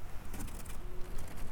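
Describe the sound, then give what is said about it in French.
A single faint, low owl hoot, a short steady tone over a soft hiss of background noise. “Le hoot, c'est un hibou.”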